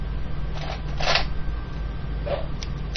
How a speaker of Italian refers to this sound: Rumore di forbici dalla punta arrotondata